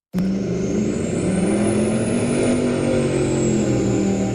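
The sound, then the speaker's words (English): A loud motorboat engine on a lake in the Shuswap roars steadily, kicking in abruptly and holding a deep, throaty drone with a high whine rising slightly above it, with no voices. “People in the Shuswap have been asked to report loud boats on local lakes this summer.”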